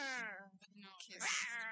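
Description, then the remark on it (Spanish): A cat wails loudly, a drawn-out yowl that slides downward in pitch, then breaks into a second, harsher, rising cry. “pero no, es el sonido del gato”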